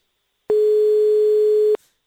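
A single steady telephone tone from a call that goes unanswered, a loud mid-pitched beep lasting just over a second, sounds on its own with silence before and after and no voices.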